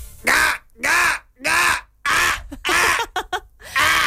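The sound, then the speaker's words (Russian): A person imitates a crow with a series of loud, harsh caws, about six strong calls with a few short clipped ones near the end, spaced in an uneven rhythm. “Это ворона какая-то.”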